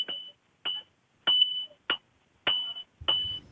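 Blacksmiths of Mazo Novo strike iron with a hammer outside the Principality of Asturias pavilion at a romería: six blows at an uneven pace, each a sharp clang that rings out in a bright, high metallic tone before cutting off; a low rumble joins the last strike.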